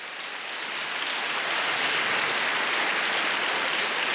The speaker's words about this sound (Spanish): Alguien me dice amén, dele palmas al Señor, por favor.